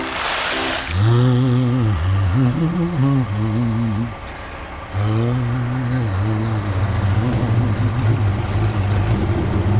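A cement mixer truck's engine rumbles loudly, its pitch rising and dipping in repeated revs before settling into a steady, heavy drone. No voices are heard.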